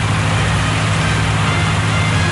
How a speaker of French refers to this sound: Ah, ils arrivent. Vous entendez le bateau. Ils ne vont pas tarder à arriver au port.